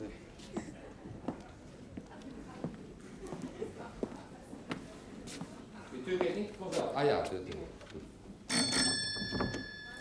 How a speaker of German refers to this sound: Bitte, klingeln Sie.